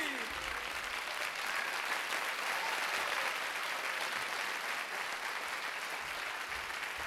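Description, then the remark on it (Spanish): Sustained audience applause, a dense steady clatter of many hands clapping at an even loudness for several seconds, with no voices standing out. “¡Qué aplauso!”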